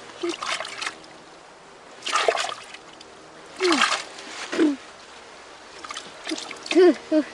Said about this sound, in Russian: Ой-ой. Фу, как много воды ты плеснул мне, дедушка, в лицо.